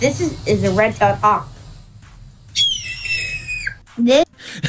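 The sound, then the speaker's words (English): A kid who can mimic over 114 bird calls imitates a red-tailed hawk's call: one shrill, raspy, high-pitched scream held for about a second, then sliding down at the end. Brief vocal sounds come before and after it. “This is a red-tailed hawk.”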